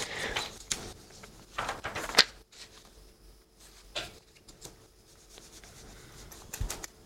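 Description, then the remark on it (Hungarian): Papers rustle and shuffle in irregular bursts as a man searches through his papers, with brief crisp swishes and quieter pauses between, no voices present. “Na, papó elveszett a papírjaiba.”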